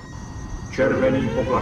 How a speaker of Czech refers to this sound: červený poplach, routí se systém. Není to nějaká nová simulace? Ne, tentokrát je to doopravdy. Slyšíte? To nejsou jejich signály. To je normální palubní poplach.